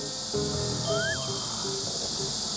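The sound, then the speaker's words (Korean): A steady, dense drone of cicadas buzzing in trees in summer fills the whole clip at moderate loudness, with some faint low tones and a brief rising whistle-like note underneath. “빼놓을 수 없는 매미 소리.”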